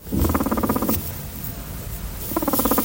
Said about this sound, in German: Das dritte Geräusch ist es, denn das ist das Gurren von Meerschweinchen und das machen sie, wenn sie unzufrieden sind.